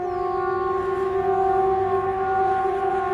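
A Swedish civil defence warning siren, the VMA signal (Important Public Announcement) known as Hesa Fredrik and normally heard in quarterly tests, holds a loud, steady wailing tone with several stacked harmonics, sounding continuously and alone without any voices.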